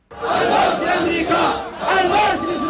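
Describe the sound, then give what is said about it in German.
A large crowd of Houthi supporters in Sanaa, Yemen's capital, shouts slogans in unison. Loud rhythmic bursts of many voices swell and dip in roughly two phrases, with a dense roar sustained between the chanted cries. “Mit Parolen und Marschmusik geben sich die Houthi in Jemens Hauptstadt Sanaa kämpferisch.”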